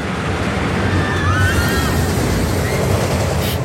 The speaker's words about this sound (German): Ja, das ist die neue Wasserachterbahn Donnerwind aus dem Freizeitpark Plon.